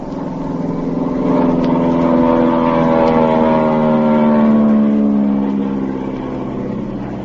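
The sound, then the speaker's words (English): A loud, droning airplane engine passes low over a boat on the ocean, its steady hum swelling to a peak midway and then easing slightly as it moves on, with no voices. “I'm going to fly over them.”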